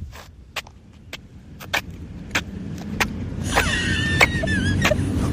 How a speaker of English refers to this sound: What more proof do you need? I'm shuffling my feet so it makes for good sound effects on the radio.